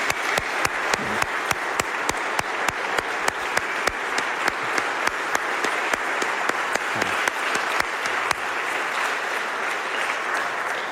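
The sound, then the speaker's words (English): An audience applauds the music ensemble steadily for about ten seconds, a dense wash of many hands clapping at moderate volume, easing slightly toward the end with no voices over it. “So I think one more round of applause would be wonderful for our ensemble.”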